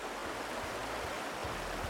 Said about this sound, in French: Oh! Wow! Écoutez ça! Vous entendez l'eau du ruisseau?